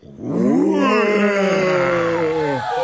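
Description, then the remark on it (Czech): Two actors in a stage performance together mimic a big lion's roar with their voices: one loud, sustained, drawn-out growling bellow lasting over two seconds, its pitch swelling slightly and then sagging before it cuts off. “Takže pozor, veliký lev. Raz, dva, tři.”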